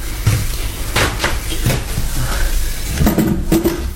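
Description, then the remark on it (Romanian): A drawer is pulled open with a series of wooden knocks and rattles, a few scattered clunks followed by a busier burst of scraping near the end, with no one speaking. “Acum deschide sertarul.”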